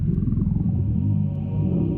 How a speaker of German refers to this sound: Doch was ist das für ein Geräusch? Knurrt der Herrscherin des Bösen etwa der Magen?